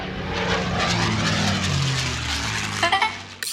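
An airplane's engines roar steadily and loudly as if taking off, a low droning hum under a broad rushing noise, ending with a few short clattering bursts.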